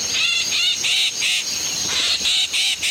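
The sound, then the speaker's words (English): A yellow-headed blackbird in a swamp gives a harsh, buzzy, rasping call, repeated in quick pulsing bursts, loud, with a steady hiss of marsh insects or ambience underneath and no talking. “Soon enough, it's showtime, and the yellow-headed blackbird, the fashion plate of the swamp, makes its mark upon the world.”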